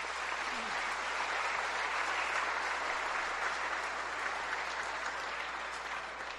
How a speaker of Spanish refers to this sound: Démosle un aplauso al barrio Ishobel.